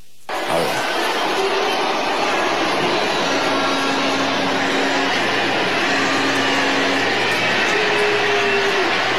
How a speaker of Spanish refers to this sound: Ahí la están abucheando. La están abucheando. Es un abucheo grande, ¿eh?